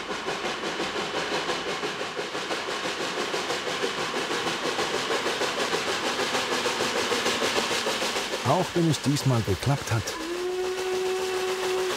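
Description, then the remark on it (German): The steam locomotive Blauer Albatros, struggling with poor-quality coal, labors hard on a special steam trip in Slovakia toward the 4,697-metre Schremoschne tunnel, with loud, rapid rhythmic chuffing over heavy mechanical rumble. A voice talks briefly near the end, followed by a steady held tone. “Der blaue Albatros kämpft mit der schlechten Qualität der Kohle und seine Weiterfahrt steht in Frage.”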